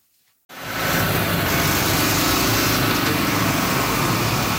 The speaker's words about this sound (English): Bulldozers and dump trucks are busy repairing damaged roadways from this weekend's major storm. Cleanup continues in many parts of Cape Breton that were battered by torrential downpour and strong winds.